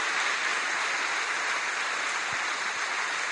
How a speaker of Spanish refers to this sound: Démele un aplauso al Señor por lo que Él está haciendo y va a seguir haciendo.